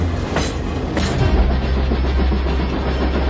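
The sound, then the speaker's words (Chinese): A heavy freight train, over 20,000 tonnes and about 2.6 km long, rumbles steadily along the Shuohuang Railway, which links Shuozhou in Shanxi with Huanghua Port in Hebei, China, with a deep continuous roar punctuated by a couple of sharp metallic clanks near the start, loud with no voices. “连接着山西朔州与河北黄骅港的朔黄铁路，有近一半经过地形复杂的山区，最长的上下坡道有几十公里，行经时平均长约2.6公里，超2万吨重的列车，车头与车尾的落差能够达到30米”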